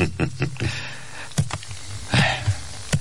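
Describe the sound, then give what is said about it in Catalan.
Irregular typewriter keystrokes, a handful of sharp mechanical clacks with uneven pauses between them, moderately loud, with no voices. “treu el full de la màquina d'escriure i el desa en un arxivador juntament amb els altres.”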